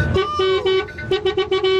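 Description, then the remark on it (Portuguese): An alarm clock ringing at a caller's end during a Band FM radio show: a loud, buzzy electronic tone repeating in quick bursts, with short gaps between the blasts and a rich, harsh edge to the sound. “Oh, o seu despertador tá tocando aí, mano.”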